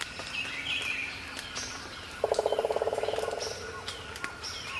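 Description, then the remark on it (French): A woodpecker drums one rapid roll of about fifteen sharp knocks lasting just over a second, against a background of birds chirping and singing at dawn. “tambour des pics.”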